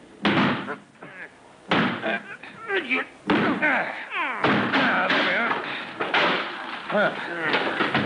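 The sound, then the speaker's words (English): Police force a locked door with their shoulders: about five heavy, irregular thuds and slams, each a loud burst, mixed with strained voices and grunting between the blows. “Put your shoulder against here,”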